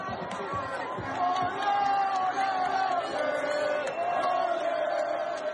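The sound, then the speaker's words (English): A large crowd of Haiti football fans in a World Cup stadium roars and chants together, a dense wall of voices with sustained sung tones rising and falling steadily over a constant babble for several seconds. “Haiti's fans were outnumbered, but still, they made some noise.”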